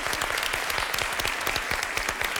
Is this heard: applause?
yes